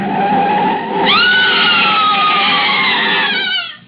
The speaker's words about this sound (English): I stood stunned with horror, her scream ringing through my head. And the picture of her in the car, swerving off into space, into the canyon below.